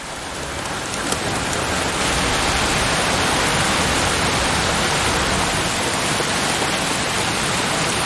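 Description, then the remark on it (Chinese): Steady, heavy rain falls without pause where white storks are raising chicks in an open nest, a dense even hiss of drops that holds at the same loudness throughout, with no voices. “即使下雨，白鹳青鸟也会轮流外出觅食。”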